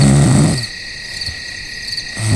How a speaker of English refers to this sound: Night comes on fast as we prepare for bed. As the quietness settles in and the crickets begin their singing,